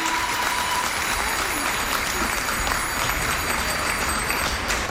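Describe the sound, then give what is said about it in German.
Steady, dense applause from a large crowd at the Rhönrad and artistic cycling world championships in an arena in Göttingen, Germany, as a Dutch athlete dismounts his bicycle; Dutch fans ring thin, high bicycle bells throughout the clapping. “Landestypisch mischen sich Fahrradklingeln der niederländischen Fans in den Applaus.”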